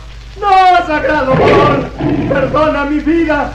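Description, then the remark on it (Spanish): A human voice imitates a tiger's roar, a loud, drawn-out growling snarl that rises and falls over a few seconds, with no other sounds around it. “Calimán, que se había convertido en gigantesco tigre que rugía amenazante”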